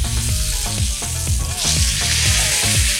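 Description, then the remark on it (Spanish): Meat sizzles steadily in a hot pan, a dense crackling hiss that stays loud throughout, with low clattering tones and faint scraping underneath, and no one speaking. “Oye, cómo suena esa carnita todavía.”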